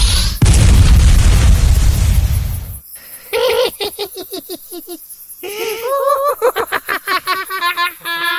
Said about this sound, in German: Reicht dir der Feuerball nicht? Du kannst noch einen haben.